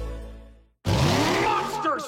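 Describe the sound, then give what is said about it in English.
A deep engine rumble fades out, then after a brief pause a loud burst of a monster truck's revving engine and screeching tires roars in, with rising whining tones, for the Monster Spectacular show at the Canadian Tire Centre in Ottawa. “The world's best monster truck.”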